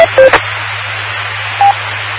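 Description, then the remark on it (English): A two-minute timer goes off with a few short, mid-pitched electronic beeps separated by pauses, over a steady low hum and faint background hiss. No one speaks. “That's my 2-minute timer.”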